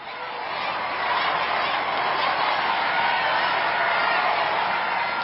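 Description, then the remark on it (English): A dense crowd lining both sides of the Champs-Élysées in Paris roars and cheers continuously, waving flags as the Popemobile drives slowly down the road. It is a steady wash of many voices that swells in the first second and then holds loud and unbroken throughout. “The sound is the crowds on either side of the Champs-Élysées roaring their approval as he drives slowly down this 1.9-kilometre-long road at the heart of Paris in his Popemobile.”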